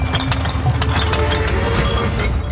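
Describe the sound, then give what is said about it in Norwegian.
Hundreds of glass bottles of liquor clink and rattle together in a dense, continuous jumble of bright, overlapping clicks, over a steady low mechanical rumble like a running engine, as the cargo is lifted by crane out of a ship's hold at night. “Og med hjelp av kran begynte de å laste opp de edle dråpene, mens lyden av hundrevis av flasker klirret.”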